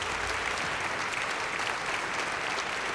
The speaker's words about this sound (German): Und ihr gebt doch noch einen Applaus für den Assistent.